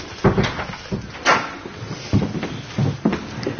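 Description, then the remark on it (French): A door is pulled shut with several knocks and rattling clunks spread over a few seconds, moderately loud, with no one speaking. “Vous pouvez fermer la porte, là.”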